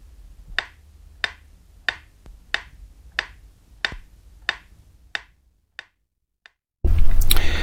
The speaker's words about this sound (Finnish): Ja nyt vielä varmistuksen vuoksi metronomin tikitystä, jonka pitäisi kuulua vain oikeanpuoleisesta kaiuttimesta.